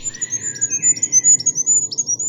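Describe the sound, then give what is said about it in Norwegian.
A goldcrest, a tiny bird of about 9 centimetres, sings a rapid series of very high, thin, repeated notes, clear, over a low rumbling background noise. “Og det er fuglekongen som har kvittret så fint for deg.”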